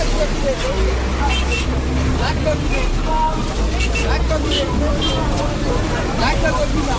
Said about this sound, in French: Comme chaque jour à midi, le marché central de Batalimo s'anime. Ici, le commerce de la viande de bouse se déploie dans une agitation intense.